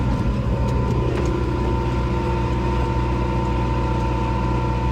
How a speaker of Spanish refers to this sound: Hoy te mando la postal sonora subidos a un tractor.